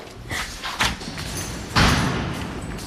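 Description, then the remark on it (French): A door marked for artists-only access is opened, with a few light clunks from the handle and latch, then a louder thump and a short scraping rush as it swings open. “Alors, on a descendu pas mal d'escaliers. On a ouvert des portes.”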